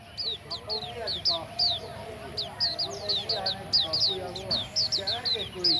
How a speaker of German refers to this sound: Man muss schon ein sehr feines Gehör haben, um dieses Vogelkonzert schätzen zu können. Einmal im Monat findet im Park ein Wettbewerb statt.